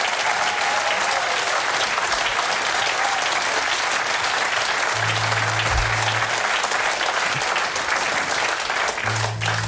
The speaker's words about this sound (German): Applaus für der Band!